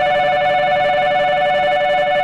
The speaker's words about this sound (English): When I was a student in Japan in 1988, a shrill beeping noise used to signal all aboard.